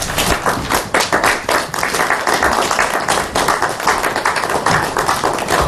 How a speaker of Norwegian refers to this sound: Gi henne en stor applaus.